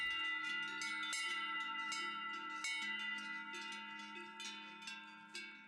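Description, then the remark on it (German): Several cowbells clang continuously in an overlapping, irregular jangle, bright metallic tones layering over one another as if from a small herd, with no voices present. “Läuten hört man sie aber meist nur auf den Almen der Vogesen.”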